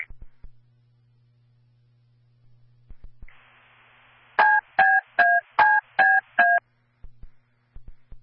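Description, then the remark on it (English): Fire dispatch paging tones for Station 1: six short, evenly spaced electronic dual-pitch beeps over a hiss of radio static, framed by scattered clicks and a low hum, with no one talking. “Station 1, prepare for a page.”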